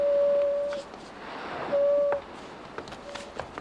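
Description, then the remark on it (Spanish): The horn of Cutler's steamer, the Falcon, gives two loud, steady foghorn blasts, each under a second long and separated by a short pause, over a low background rumble. “Sí, y supongo que saben de quién es esa bocina, ¿eh?”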